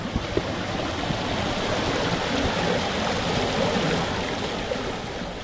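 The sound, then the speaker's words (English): A river flowing below a small cliff with a rock shelter rushes steadily, a dense, continuous roar of flowing water with no pauses and no voices, holding an even loudness from start to finish. “It's situated in a really beautiful spot, a little cliff overlooking a river”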